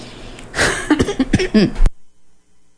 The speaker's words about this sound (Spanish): Ya no me voy a reír porque luego me da la tos. La tos a tos. Ay, perdón.